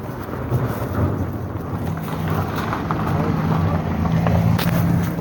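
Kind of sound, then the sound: vehicle, car passing by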